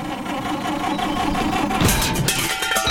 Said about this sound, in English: Oh, no. Got trouble with the car?